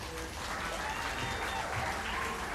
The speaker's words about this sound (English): Please cheer this kind, compassionate, and courageous warrior, Harvey.